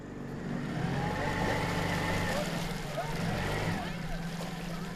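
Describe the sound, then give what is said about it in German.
A small boat's outboard motor drones steadily at low revs, running at only half power after fouling in a carpet of algae on an overgrown canal in the Krummhörn, heading toward Pilsum; a constant hum with water and wind noise around it and faint voices in the background. “Der Motor läuft nur noch mit halber Kraft.”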